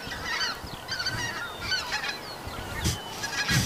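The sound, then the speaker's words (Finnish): A flock of geese honks overhead, many overlapping calls in a continuous chorus, moderately loud with a faint rush of outdoor background and no talking. “Nyt tulee hanhet yli just tällä hetkellä.”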